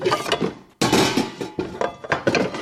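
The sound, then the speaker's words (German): A frying pan is grabbed and handled in a kitchen before frying an egg on the stove, with a sharp metallic clank followed by several shorter knocks and rattles, fairly loud, with no voices. “Ich schnappe mir eine Pfanne, hole ein Ei aus dem Kühlschrank und dann schalte ich den Herd ein.”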